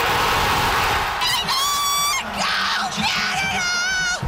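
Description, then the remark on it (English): Soccer fans cheer and shout in a loud, constant roar as they watch Team Canada's men's World Cup win, while several long, sustained horn-like blasts or yells ring out above the crowd noise. “And fans were so happy watching it all go down.”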